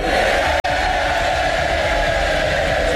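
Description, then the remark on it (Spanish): A large crowd of members of the House of Commons in London roars continuously, shouting, cheering and applauding a former mayor of Manchester as he takes his seat as a member of parliament. The dense wash of voices stays loud and steady throughout, broken only by a split-second dropout near the start. “Han recibido con gritos y aplausos, sonrisas y fotos multitudinarias en la toma de posesión de su acta de diputado.”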